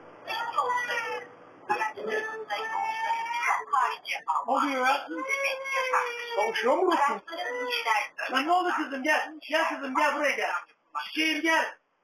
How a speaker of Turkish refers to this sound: Yola çıkan şoför bir anda ağlama sesi duyunca neye uğradığını şaşırdı.